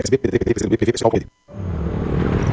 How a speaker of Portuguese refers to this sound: Amor, ouviu essa moto? Deve ser um entregador.